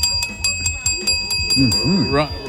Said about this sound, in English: Rung the bell.